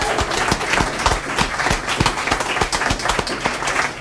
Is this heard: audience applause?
yes